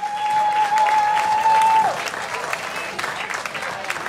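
Dense audience applause fills the room, many hands clapping at once, with a steady electronic tone sounding over it for the first two seconds before the clapping continues alone.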